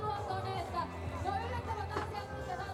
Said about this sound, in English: Bit of support from the crowd.